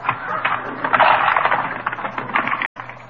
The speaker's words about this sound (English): Now look, here's the cash register. Let's see, you push the little valve down.